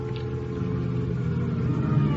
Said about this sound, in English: Then I hear a car outside. There's light enough through the window to tell me it's Lieutenant Hama.